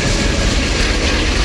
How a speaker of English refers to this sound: It is a subway noise. It has a little to do with Broadway.